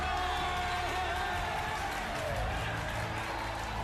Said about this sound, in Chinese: 何基峰说完，操场上立刻响起了鼓掌声、欢呼声和响彻操场的口号声。